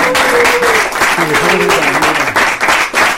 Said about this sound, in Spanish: aplauso grande para estos pedaleadores, ¿eh?